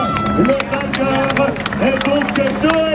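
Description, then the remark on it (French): A crowd in Dun-le-Palestel, Creuse, shouts and cheers continuously, overlapping voices rising and falling in a busy, steady roar with scattered claps and sharp bursts of noise throughout. “Alors c'est reparti pour des cris jusqu'à l'arrivée à Dun-le-Palestel.”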